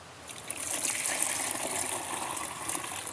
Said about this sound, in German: So, dann können wir davon jetzt, ich mache es mal hier rüber, weil sonst oft daneben gieße, 1 Liter abgießen.